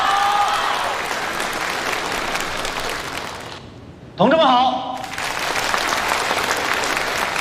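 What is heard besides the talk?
audience applause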